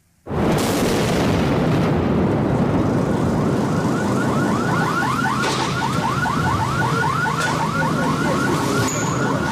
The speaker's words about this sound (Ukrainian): Окупанти вдарили по багатоквартирних будинках, написав у Фейсбуці голова міської військової адміністрації Олександр Гончаренко. Перші секунди обстрілу зафільмували кореспонденти Суспільного.